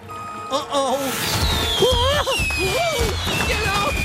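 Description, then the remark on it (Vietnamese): Fireworks rockets go off with a long, thin whistle gliding slowly downward over several seconds, while excited voices call out over a constant rumbling background. “Nhìn kìa mẹ ơi, pháo hoa.”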